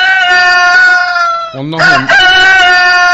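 A rooster crows loudly, one long drawn-out cock-a-doodle-doo whose pitch dips and wavers midway before the call carries on strongly to the end.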